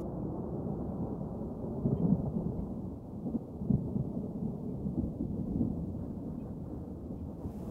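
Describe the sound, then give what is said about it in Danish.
A distant thunderstorm rumbles low and continuously, with soft rolling swells of thunder rising and fading over a steady muffled roar. No voices. “Og mens tordenvejret buller i det fjerne”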